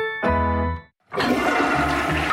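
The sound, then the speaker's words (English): A short resonant tone gives way, after a brief gap, to a loud torrent of rushing, gushing water that pours steadily to the end: millions of liters of raw sewage dumping straight into rivers in Winnipeg. “That's millions of liters of raw sewage dumping straight into Winnipeg rivers.”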